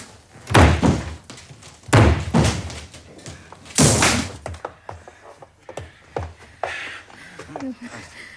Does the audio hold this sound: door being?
yes